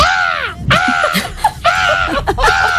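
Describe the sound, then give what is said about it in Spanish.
An 11-year-old boy imitates a parrot with a run of loud, harsh squawks, about four drawn-out screeches with short chirpy bits between them, with no talking. “Y a mí me han dicho que se me da bien imitar los loros.”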